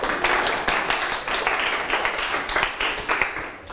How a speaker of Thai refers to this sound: ปรบมือให้เพื่อนอีกครั้งครับ